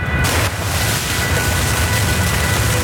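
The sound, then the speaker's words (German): Water gushes out of a borehole pipe in a drilling niche in rock at about 200 liters per minute, in a loud, unbroken rush with a deep, rumbling low end and a steady hiss on top. No one speaks. “Wasser sprudelt. Wir stehen in einer Bohrnische, wo Wasser aus dem Fels abfließt.”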